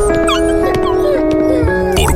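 A dog whimpers in high, wavering whines broken by a few short barks, fairly loud, with a steady tonal background underneath.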